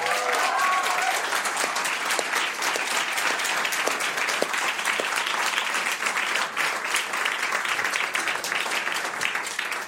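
Steady, dense audience applause welcoming a guest cellist and singer-songwriter from Vienna, with many hands clapping continuously for about ten seconds, loud and sustained, with a brief whistle-like tone near the start.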